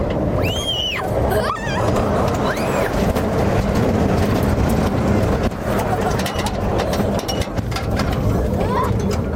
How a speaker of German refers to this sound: Unser Zug rattert über Berggipfel und durch Tunnel.